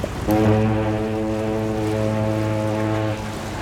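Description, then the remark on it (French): A deep ship's horn blasts once as a boat departs, holding a steady low tone for about three seconds before cutting off, loud with no voices. “Le lendemain, toute la petite bande retourne prendre le bateau pour rentrer à la maison.”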